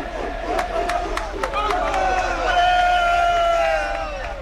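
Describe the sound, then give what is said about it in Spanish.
A large football crowd in Valladolid, at the Zorrilla stadium, shouts a chant of "ale, ale" together, voices rising and falling in sustained, tonal cries, with several sharp claps or thuds punctuating the first half over a steady roar of noise. “Esto es Valladolid y con más gritos de ale, ale.”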